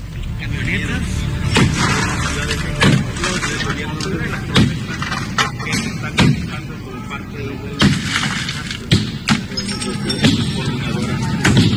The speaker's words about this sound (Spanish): ¿Se alcanza a escuchar usted cómo se rompen los cristales, los panorámicos, las calaveras, los faros? Destruyeron todos los carros que estaban ahí en el estacionamiento, ¿eh?